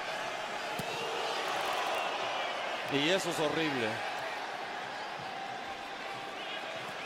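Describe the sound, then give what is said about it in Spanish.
A stadium crowd roars steadily, with a burst of loud, wavering collective shouting from New York City supporters jeering goalkeeper Nahuel rising midway for about a second, around the 33rd to 34th minute of a football match. A commentator speaks briefly over the noise. “La porra de New York City gritándole a Nahuel.”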